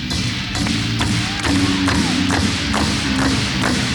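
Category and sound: human body sound, hands clapping together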